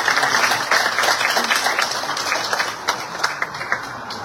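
An audience applauds steadily for several seconds, a dense, bright crackle of many hands clapping at once, fairly loud throughout with a few sharper claps toward the end, welcoming the president of the Frente Amplio of Arica, Chile, to give a talk on Peru and the southern border in Tacna.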